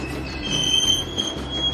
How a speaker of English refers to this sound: Pulling into the depot.